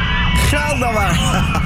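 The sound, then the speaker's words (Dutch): A full load of riders on the Appelscha roller coaster screams and whoops together, their wavering high-pitched yells rising over a steady rumbling roar, loud and continuous for under two seconds. “Hij zit elke keer vol ook, die achtbaan. Je hoort elke keer weer nieuwe mensen gillen.”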